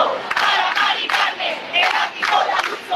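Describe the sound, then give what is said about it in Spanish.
A large protest crowd roars and chants together, the loud massed voices swelling in rhythmic surges about every half second, with no single speaker standing out. “10.000 personas, según la delegación del gobierno en Madrid, agitando sus llaves a modo de protesta frente a ese ático de la Comunidad de Madrid.”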